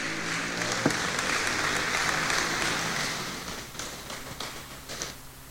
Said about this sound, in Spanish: Denle fuerte ese aplauso al Señor esta noche. Amén.